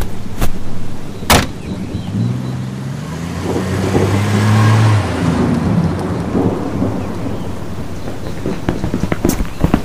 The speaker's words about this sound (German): Das war zumindest das Auto der Fisks. Es stand in der Einfahrt.